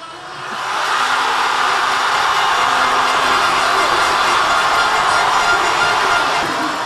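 A large crowd of football fans in the streets of Buenos Aires, Argentina, many wearing Messi shirts, cheers a last-minute goal in Argentina's 2-1 World Cup semi-final win over England: a loud, continuous roar that swells in within the first second and holds steady as a dense wash of voices, with no single speaker standing out.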